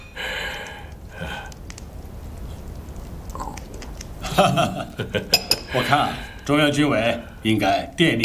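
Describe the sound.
A few quick, bright clinks of teacups tapping together in a toast, with tea taken in place of wine, ring out over a busy stretch of voices and table noise, brief.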